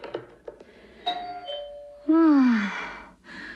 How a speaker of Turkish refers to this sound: Bu defa kapı zili hangi hanımın güllerini getirdi acaba?